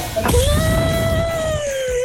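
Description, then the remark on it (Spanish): An angry cat lets out a long, drawn-out yowl, a steady mid-pitched wail with a slight waver that holds for nearly two seconds over a low rumbling background. “No, eso parece un gato. Es un gato.”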